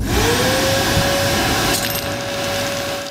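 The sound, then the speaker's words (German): A vacuum cleaner runs with a steady whine and roar, then a sudden brief rattling clatter as a small hard object gets sucked up partway through. No one speaks. “Ich habe was mit dem Sauger eingesaugt und ihr könnt jetzt mal raten, was das war.”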